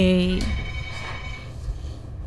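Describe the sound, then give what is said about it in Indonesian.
A telephone rings once with a short, loud electronic tone right at the start as an incoming call arrives, then cuts off and leaves only a low background hum. “Kak, ada telepon masuk.”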